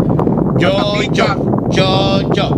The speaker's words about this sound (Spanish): Apaga el abanico, gato. Sí, porque parece que tiene un abanico.